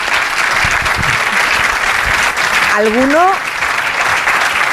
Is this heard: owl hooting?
no